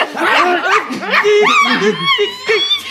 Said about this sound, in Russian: Взять его! А собака! Схватите!